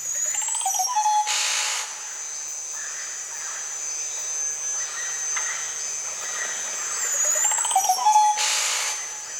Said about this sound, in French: Il y a d'autres oiseaux que l'on peut proposer aussi, les oiseaux de ces environnements-là, de la Guyane.